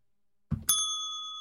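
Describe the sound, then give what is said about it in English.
A single bright bell ding from a soundboard cue rings out after a brief low thump, its clear metallic tone sustaining and slowly fading, fairly loud with no talking. “And the chat room says something, and now it's time for me to hit a soundboard cue, like the bell.”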